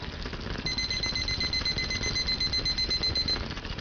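A kitchen timer, set to 7 minutes while cooking rice (polo) in a clay pot on the stove, goes off with a rapid, steady string of high-pitched electronic beeps lasting several seconds, heard over a constant background hiss and low rumble, with no talking.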